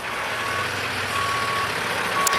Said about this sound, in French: Il coupe la conversation car il doit vite dégager son camion derrière lequel se forme déjà une file d'attente.